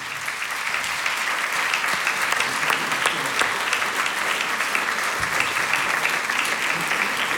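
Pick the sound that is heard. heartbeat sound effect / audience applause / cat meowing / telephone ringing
audience applause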